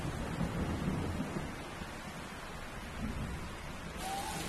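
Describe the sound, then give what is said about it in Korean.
Heavy rain of a tropical storm in a rainforest pours in a steady, dense hiss, with low rumbling swells underneath like thunder rolling through the downpour. No voices are heard. “열대우림에선 지속적인 위협이자 동시에 축복인 존재가 있습니다. 바로 열대폭풍입니다.”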